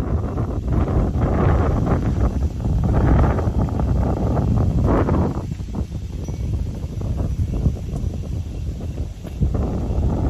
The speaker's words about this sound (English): around the area, Detroit Lakes, they had 1.26 inches of rain last night, and the rain started coming in last night. I peeked down around 10 o'clock or so, 10:30. This is what it sounded like in our neighborhood.